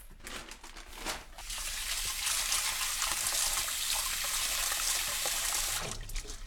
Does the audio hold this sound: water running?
yes